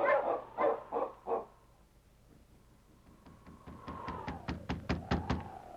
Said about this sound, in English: On King! On, you huskies!